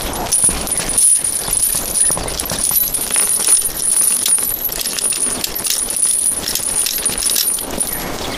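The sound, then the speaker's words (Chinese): Metal keys and chains clink and rattle steadily for several seconds as shackles are locked onto two death-row prisoners, a busy jangle of small metallic hits with no voices. “这钥匙也用不上了吧，反正死刑犯，要不扔了吧。”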